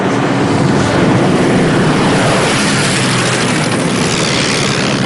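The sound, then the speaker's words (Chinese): A loud, steady propeller-aircraft drone fills the whole stretch, a dense rumbling roar with a low engine throb, as Japanese planes pass overhead to bomb the road at the 24 bends (24道拐). No voices are heard. “队长，是24道拐那边，他们又来扎路了。没特派员说过，这些飞机飞到这儿是需要电台导航的。”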